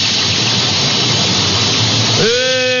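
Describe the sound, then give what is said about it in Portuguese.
A pot of food cooking on the stove gives off loud, steady steam hissing, a dense rushing noise. Near the end a rising whistle-like tone cuts in over the hiss. “a panela tá no fogo, ó. A panela tá no fogo.”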